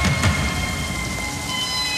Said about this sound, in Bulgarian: Разбира се, че вали.